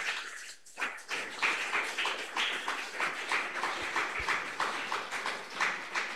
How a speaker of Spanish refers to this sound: Ya tenemos presente al coro de hermanas, señora de la iglesia Pentecostal La Cosecha del caserío Pasaje Sur. Y los presentes la recibimos con fuertes aplausos para el Señor Jesús.